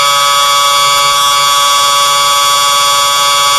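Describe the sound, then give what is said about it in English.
A loud, steady football siren marking the end of the opening quarter, in a game involving the Lions, blares continuously for several seconds, a sustained, unbroken electronic tone rich in high harmonics, with no speech over it. “And Jake Egan will shoot after the siren here for his third goal of the opening quarter.”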